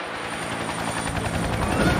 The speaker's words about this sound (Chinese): 五架直九武装侦察直升机组成了侦察警戒分队，九架直十武装直升机组成火力突击分队，三架直十九武装直升机、六架直二零战术通用直升机、九架直八 B 运输直升机混编为运输分队，八架直十九武装直升机担任护卫任务